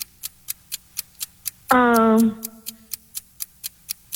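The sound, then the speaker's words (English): A trivia game clock ticks steadily and rapidly like a countdown, about four ticks per second, throughout, briefly joined by a loud buzzing tone that rings and fades midway. “Start the clock.”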